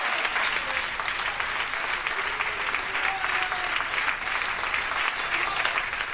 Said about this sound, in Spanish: ¿Cuánto le dan palmas de alabanza al Rey de Reyes, Señor de Señores?